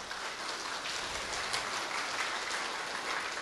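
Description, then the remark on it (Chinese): Steady applause from an audience in Tucheng, given in respect and gratitude to their master, a dense crackle of many hands clapping at an even level throughout, with no voices standing out. “所以借助于今日能够在我们土城来弘扬师父妙法的时间，大家表示对师父的尊敬与感恩，所以借助大家，请大家我们一起来为师父为我师父的伟大，我们给予掌声，而且他们每一位。”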